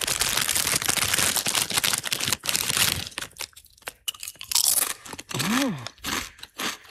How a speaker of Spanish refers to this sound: que mete al inicio de la canción como saca unas patatas fritas y se las come.